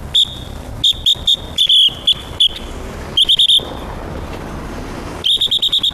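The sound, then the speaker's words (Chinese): A traffic police whistle, blown by an auxiliary traffic officer directing traffic at an intersection in Jiaxing, China, sounds in loud, rapid bursts of short, shrill blasts, grouped in quick clusters with brief pauses, over a steady low rumble of street traffic. “现在是嘉兴市公安局交警支队直属三大队嘉北中队一名协警，大家都叫我哨子哥”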